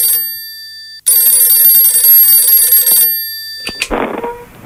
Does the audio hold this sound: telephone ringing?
yes